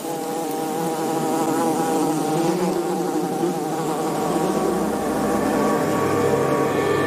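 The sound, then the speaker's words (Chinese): A small group of male wasps patrol the entrance of their underground colony in sandy ground: their overlapping drones form a continuous, moderately loud hum with layered harmonic tones that rise and fall slightly, and no one speaks. “一小群雄性分蛇峰在他们的城市入口巡视着。”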